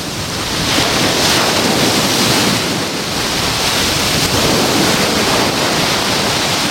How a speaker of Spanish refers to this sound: hoy también viento de poniente en Salobreña, olas que suenan de esta manera. Acércate bien a la radio y yo intentaré acercarme con el micrófono todo lo que pueda al mar para que no me salpiquen las olas. Este es el sonido hoy del mar Mediterráneo.